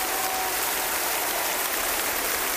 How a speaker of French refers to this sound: Ah, ça donne le ton, ces applaudissements.